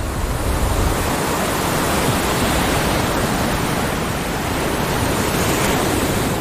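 Ocean waves breaking on a beach on a remote Costa Rican coastline make a steady, full-bodied roar of surf that never lets up, with no single crash standing out and no voices.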